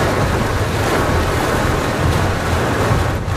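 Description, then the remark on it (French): A dense, steady roar of heavy rain and gusting wind with lightning during a thunderstorm, heard from inside a closed car on muddy tracks, loud, filling the whole stretch without letup and with no voices. “Là, il y a la pluie, le vent, les éclairs.”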